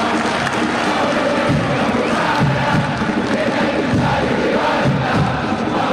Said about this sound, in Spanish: Escuchen el aplauso.